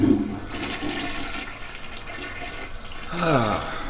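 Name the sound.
toilet being flushed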